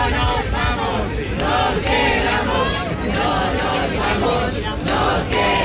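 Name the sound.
protesters chanting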